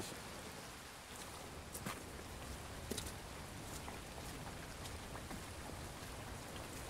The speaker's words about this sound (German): Gegen Mittag immer noch Regen. Zeit für eine kleine Pause.